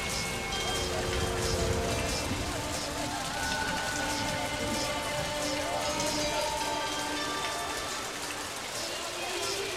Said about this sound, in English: Let's pivot into something with a bit more neon grit and rainy street texture.